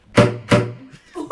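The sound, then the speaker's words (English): Two loud, sharp slap-tongue pops on a saxophone, played by a member of the Saris Saxophone Quartet, each a percussive smack with a brief low tone, followed by a softer reedy note or voice at the end. “And it's called slap tongue.”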